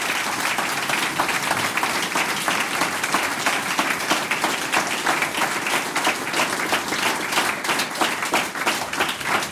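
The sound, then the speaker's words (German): A crowd applauds a harmonica contestant steadily and loudly, many hands clapping in a dense, continuous wash of sound that holds for the full length without pause or voices. “Das ist dein Applaus”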